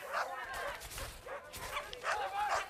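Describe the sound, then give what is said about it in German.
A pack of dogs in a village bark and yip over one another while chasing a man, in a dense, continuous chorus, with overlapping high-pitched calls and some whimpering, fairly loud throughout. “Aber das klingt ja nach einer ganzen Hundemeute.”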